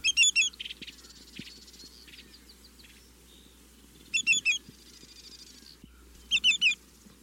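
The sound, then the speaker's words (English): Three bursts of sharp, ringing greater yellowlegs (also called twillicks) calls, each a quick run of several piercing whistled notes, stand out loud and clear above a soft, steady outdoor background hum. “visit to chat about greater yellowlegs, otherwise known as twillicks.”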